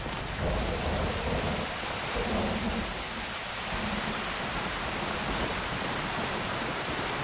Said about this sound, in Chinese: 哎，下雨了，咱们先到前面避避雨吧，快走快走。